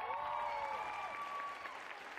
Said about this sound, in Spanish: Denles un aplausote otra vez, por favor.